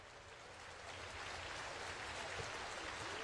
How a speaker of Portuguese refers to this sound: Plateia de pé, na Sala Minas Gerais, aplaudindo a performance da Orquestra de Minas Gerais sob a regência de Fábio Mechetti.